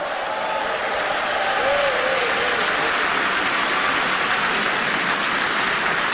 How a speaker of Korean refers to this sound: 여러분, 어린이 합창단을 향해서 다시 한번 네, 뜨거운 박수 보내주시면 어떨까요?